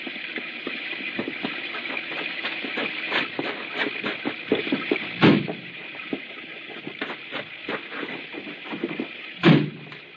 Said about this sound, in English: I'll open the car doors. Come on!